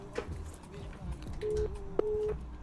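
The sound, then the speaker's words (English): A steady telephone line tone hums in short on-off bursts, with brief clicks, beneath busy background speech and noise as a radio call connects. “Oh, there my phone line.”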